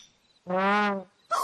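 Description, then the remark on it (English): A single loud, drawn-out call from a big bird, a deep, buzzy tone held for about half a second, close by, followed by the start of a brief harsher sound. “Oh, so the sound wasn't coming from a dinosaur. It was coming from this bird.”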